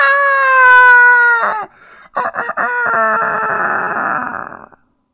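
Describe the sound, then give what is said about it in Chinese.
A man's voice imitates a mountain village rooster crowing at daybreak: one long, loud, harmonic cock-a-doodle-doo that holds steady, breaks briefly, then trails into a rougher, strained tail before stopping. “那公鸡打鸣比我这打得好。”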